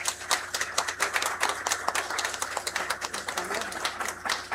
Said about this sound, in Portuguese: eu declaro empossados, cada um em seus respectivos cargos, os membros da nova diretoria. Uma salva de palmas.